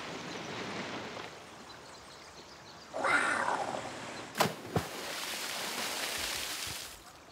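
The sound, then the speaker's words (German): A loud, bright splash as someone jumps into water, followed by a couple of sharp slapping hits, over a steady rushing wash of water noise. No one speaks. “Das platscht ganz ordentlich.”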